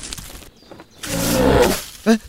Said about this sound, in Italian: Hai sentito questo verso? Sì, è una lince, riconosco i richiami!